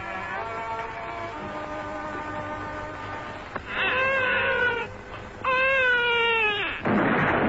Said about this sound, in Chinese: 婴儿哇哇落地的哭声